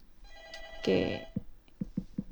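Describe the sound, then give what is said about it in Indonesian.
A telephone rings for an incoming call to a radio show, a bright bell-like burst with sustained tones, followed by a few short clicks and taps; no one speaks. “Oh, sepertinya ini ya, Bu Wira tadi sempat Ria angkat teleponnya tapi terputus.”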